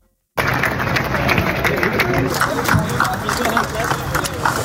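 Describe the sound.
An outdoor crowd applauds in a steady, dense patter of clapping, mixed with murmuring voices and open-air bustle, fairly loud and continuous. The clapping greets 300 tractors arriving in the morning at Christiansborg Palace Square (Christiansborgs Slotsplads), where thousands of farmers demonstrate against a bill limiting farmers' fertilizer use.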